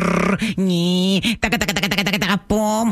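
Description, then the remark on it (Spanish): A person vocally imitates the noises their car makes, for a mechanic to diagnose over the phone: a sustained droning hum, then a rapid sputtering series of rhythmic pulses, ending with another steady hum, all fairly loud. “Oye, ¿y el diagnóstico no podría ser por teléfono si yo te hago así exactamente los ruidos que hace?”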